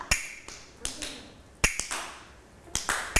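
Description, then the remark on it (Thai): Sharp, dry wooden clacks from a hand clapper used by a teacher as a slow-rhythm signal for children's morning movement exercises, about seven strikes at a slow, somewhat uneven pace, each crisp and bright with a short ring, and no voices. “กล ับมือนะคะมาเป็นเครื่องให้สัญญาณจังหวะกับเด็กๆค่ะสัญญาณจังหวะของเรานะคะจะมีสัญญาณจังหวะช้า”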